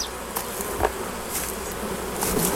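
A dense, steady hum of many honeybees buzzing at a hive, with brief louder passes as individual bees fly near. No one speaks.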